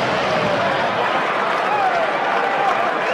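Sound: baseball stadium crowd cheering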